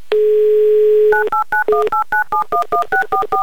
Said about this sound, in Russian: Набран номер телефона Сергея. В Новороссийск звоним.